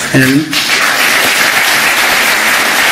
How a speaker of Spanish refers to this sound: Primera ovación del discurso florentino cuando se refiere al caso Negreira.